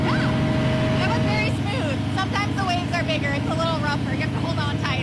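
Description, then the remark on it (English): An amphibious vehicle's heavy engine drones steadily while people talk loudly over it, the low rumble continuing without pause as it drives down a sandy beach past a pier and vacation homes and into the surf on a sunny day. “drives the Lark down the sandy beach, past a pier, giant vacation homes, and some curious beach strollers, and into the surf.”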